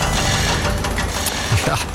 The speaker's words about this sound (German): Das hier, das ist sozusagen der Soundtrack von der Schweiz. Ein Land der Baustellen sind wir. Überall hämmert es, es wird bohrt, geschliffen, verlegt, neue Strassenbeläge, Wohnblöcke, Bürogebäude.